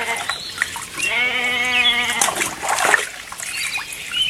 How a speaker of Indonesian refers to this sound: Sekarang izinkan saya membantumu memberi domba-dombamu minum. Terima kasih.